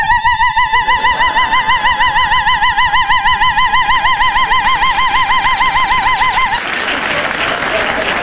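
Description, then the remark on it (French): A voice imitates a car alarm with a steady, rapidly warbling high-pitched wail that holds for about six seconds, then breaks off into a burst of noisy, breathy laughter-like sound. “De toute façon, si quelqu'un me touche, je me déclenche comme l'alarme.”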